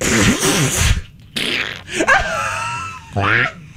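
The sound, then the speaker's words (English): A voice imitates a fart with a few sputtering, buzzy mouth noises, fairly loud, the blasts trailing into a drawn-out, wavering vocal tone with short pauses between them. “You want me to do a fart sound?”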